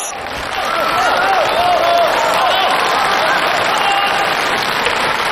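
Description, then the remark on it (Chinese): Sustained theater audience applause for performers walking onto the stage swells in after a brief quiet start and holds steady at full volume, a dense crowd of clapping hands with faint voices and cheers mixed in. “好啊，感谢朋友们这么热情的掌声。”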